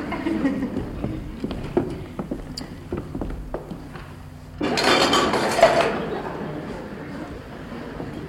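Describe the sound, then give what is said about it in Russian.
Dishes clink and rattle in a steady series of sharp taps as they are carried to the kitchen, then a louder, denser clatter bursts out for a second or so before settling; voices murmur faintly underneath. “Тогда несите посуду на кухню.”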